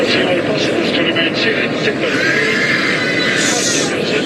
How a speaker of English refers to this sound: It is difficult to watch. A faint announcement asking everyone to fasten their seatbelts, drowned by terrified screams. I think most people had their seatbelts on by then.